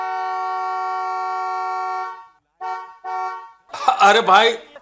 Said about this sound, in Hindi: ये देखो, खुद के समय का तो मोल है नहीं, दूसरे के समय को भी समय नहीं समझते। ड्राइवर हॉर्न बजाते रहो।